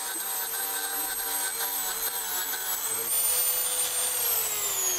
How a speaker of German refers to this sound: So, schneidet einfach hier das Nagelbett zurück. Also früher haben wir das mit dem Messer gemacht, aber das geht eigentlich mit der Flex besser. Sieht man auch hier, da ist es überall zu überwachsen.